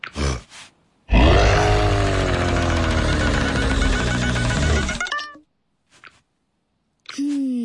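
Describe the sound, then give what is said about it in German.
A lion lets out one long, loud, rough roar lasting about four seconds, deep and growling throughout, with a few short faint sounds after it and a brief higher call at the end, roaring to try to drive a donkey out of a dog's basket. “Den Esel mit Gebrüll zu vertreiben, hat auch nicht geklappt.”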